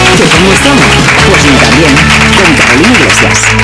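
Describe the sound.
Loud, steady audience applause on the show Mí también, a dense wash of clapping lasting a few seconds, with voices talking and calling out over it.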